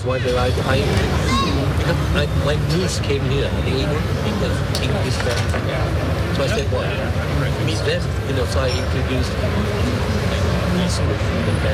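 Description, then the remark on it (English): Busy outdoor ambience of a city square: a steady wash of overlapping crowd chatter, a low rumble of traffic, and scattered clinks and clatters, continuous and fairly loud throughout. “Par exemple, quand on se pose dans un square avec une part de carotte cake et puis un bon café, et c'est l'occasion idéale de tendre l'oreille.”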